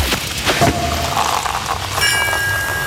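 A sparkling wine cork pops with a sharp burst, followed by a steady fizzing hiss, and a few bright ringing tones appear near the end; it is the cork-popping cue played on the radio station Charivari.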